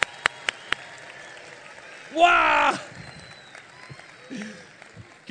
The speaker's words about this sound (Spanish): Y un fuerte aplauso le vamos a dar también, así.